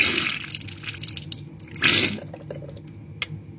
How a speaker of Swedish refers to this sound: Jag står lutad över handfatet hemma. Upp i min vänstra näsborre sprutar jag ljummet saltvatten.